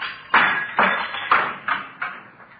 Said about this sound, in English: No, I'll use the handcuffs. See if I can knock a hole in the top half of the window here.